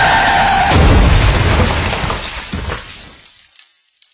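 A loud crash of glass shattering, a sudden burst of breaking with scattered fragments tinkling and skittering as it fades out over a few seconds.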